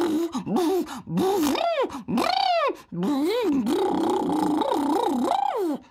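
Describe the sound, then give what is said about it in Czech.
Relaxed lips pushed forward buzz and flutter to imitate a car engine, a continuous voiced rumble that swoops up and down in pitch in repeated revving waves, with brief pauses between bursts, fairly loud with no speech. “A teď uvolníme pusinku a rtíky našpulíme dopředu a vydáme zvuk, jako třeba když předvádíme auto.”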